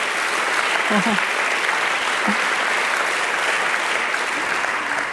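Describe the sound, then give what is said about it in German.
Steady applause from an audience, a dense wash of clapping that holds at an even level for the full five seconds, with a faint murmur of voices beneath it. “Ja, Beifall wert.”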